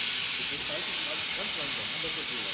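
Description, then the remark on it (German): A plasma cutter roars with a steady, loud hiss as it cuts a heart shape through a metal stencil, continuous for the whole stretch, with faint murmuring voices buried underneath. “Und ein Herz brennt sich gerade hier so richtig schön durch meine Schablone.”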